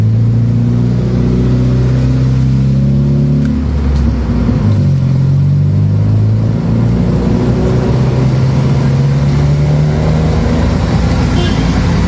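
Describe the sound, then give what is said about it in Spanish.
Steady rumble of car engines moving through traffic as traffic officers direct the flow so cars can advance, especially southward toward cantons such as Girón and Santa Isabel. Low engine tones shift as vehicles accelerate and pass, loud and continuous throughout. “Acá los agentes de tránsito dando el fluido correspondiente para que los carros puedan avanzar, especialmente al sur.”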